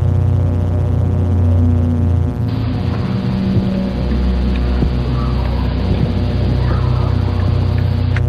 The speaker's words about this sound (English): To underscore this scene, Dennis adds a persistent drone made up of the sounds of war, slowed down to as little as 2% of their original speed.